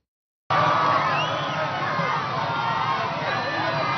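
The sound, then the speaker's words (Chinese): A large crowd of supporters cheers and shouts continuously along a parade route in Lima, Peru, as President Keiko Fujimori arrives under security escort at the Independence Day military parade; a dense roar of many voices with scattered whoops and whistles, loud and sustained after a brief silent start, while people wave flags from balconies. “藤森庆子在安保人员的护送下抵达阅兵式现场，支持者们夹道欢呼，还有民众在阳台上挥舞国旗以示支持。”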